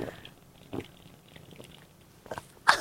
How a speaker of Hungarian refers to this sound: Utolsó söröm. Ezt hallottad, ezt a kortyolgatást? Fantasztikus volt.